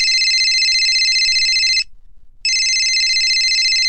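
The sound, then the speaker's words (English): A telephone rings loudly in two long electronic bursts separated by a short pause as a caller rings a call-in show, with no voices or other sounds around it. “It's nice to have someone ringing the show today.”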